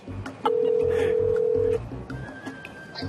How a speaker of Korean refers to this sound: 아직 안 나오신 것 같은데? 본점팀 못 나왔대. 뭐야? 저희가 전화 연결 한번 해보겠습니다.